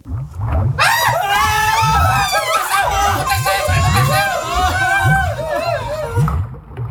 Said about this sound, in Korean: 주저앉은 채 서로 꼭 부둥켜 안은 소초모들의 비명이 창고 안을 가득 메운 순간이었다.